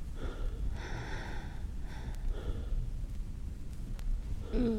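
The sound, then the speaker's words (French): Heavy, out-of-breath gasping and panting: a few ragged breaths drawn in and pushed out at uneven intervals over a low, rumbling background. “Couché. Essoufflé.”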